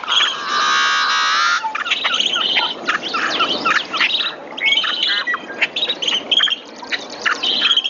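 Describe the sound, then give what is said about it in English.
A yellow-headed blackbird's song opens with a loud, harsh, rasping buzz lasting over a second, followed by scattered chirps and clicking calls from other marsh birds. “A yellow-headed blackbird song.”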